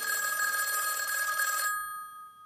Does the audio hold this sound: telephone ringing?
yes